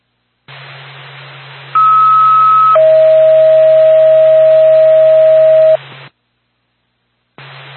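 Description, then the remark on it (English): A two-tone Wakefield Ambulance dispatch radio alert: a short higher tone, then a long steady lower tone lasting several seconds, over loud radio static with a low hum, before the transmission cuts to silence. “Stand by for tone.”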